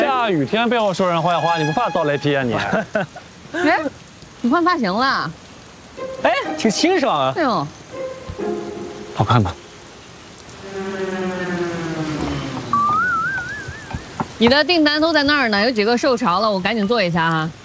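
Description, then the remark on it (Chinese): Steady rain patters in the background, a soft continuous hiss beneath people talking in the foreground, with no pauses or changes in intensity. “今天下雨，有几个受潮厉害，我现在重新做呀。”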